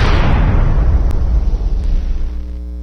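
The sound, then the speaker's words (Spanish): An explosion sound effect in a store advertisement for low prices bursts at once, loud, its bright crackle fading into a heavy, lingering low rumble that stays strong for a few seconds before trailing off. “Bomba, bomba, bomba. Explosión de precios bajos.”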